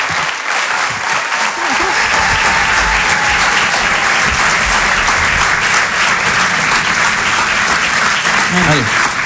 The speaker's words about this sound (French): Je vous demande de les applaudir très très fort, s'il vous plaît.